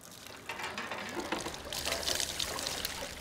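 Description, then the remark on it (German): Water pours steadily from a recently renovated wooden fountain in the village centre of Hunspach, northern Alsace, France: a continuous splashing rush with a bright, hissy texture that swells slightly and keeps running throughout, with no voices. “Oh, jetzt läuft's.”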